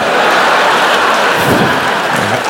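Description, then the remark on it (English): A loud, dense shower of small metallic clattering as change, nickels, is thrown, like coins raining down in a steady hail-like patter, with no pause for a few seconds and no voices. “I like to make it hail.”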